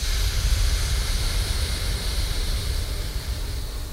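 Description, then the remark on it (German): A long, steady, deep breath out during a breathing exercise, a broad airy hiss that holds for several seconds and eases slightly toward the end, with no talking. “Stopp einen Moment und dann aufatmen. Und dann wieder. Stopp und wieder aufatmen.”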